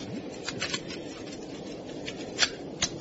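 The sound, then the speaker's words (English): Soft, quick papery riffling and flicking of a pack of playing cards being shuffled, with a couple of sharper snaps near the end, no voices. “Now, I want you to pick out all the aces from this pack of cards. Shuffle them?”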